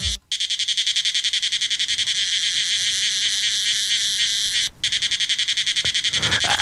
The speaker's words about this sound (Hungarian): Elég durva, mondjuk a kabócák is, mutatom.